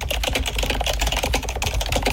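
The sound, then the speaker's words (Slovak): Rapid, steady typing on a computer keyboard as a letter is written, a dense run of sharp key clicks, fairly loud, with no voices present. “Teda akože klopanie na klávesnicu.”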